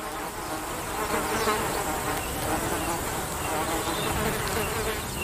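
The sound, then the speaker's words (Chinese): A steady, dense drone of flies buzzing around young antelopes that are busy driving them away, many insects overlapping in a continuous whirring hum that holds an even loudness for several seconds with no voices. “毕竟这些小高脚羚正忙着驱赶讨厌的苍蝇。”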